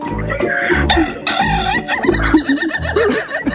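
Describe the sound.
A rooster crowing sound effect played on the radio: long, wavering, warbling calls that sound almost like laughter, set over a steady thumping rhythmic backing that runs throughout.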